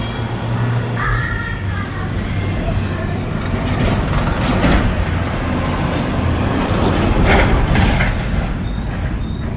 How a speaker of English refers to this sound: That one was an actual FedEx truck. That's why it sounded so good. Way too much noise around here. It's in a parking lot.